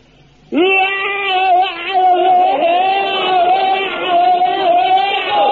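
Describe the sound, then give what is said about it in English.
A single man's voice lets out a long, loud, sustained battle scream for bayonet drill, filling the lungs with air and letting it out, holding a steady strained pitch with slight wavering for about five seconds after a brief quiet start. “Now, you fill your lungs up with air and let it out like this.”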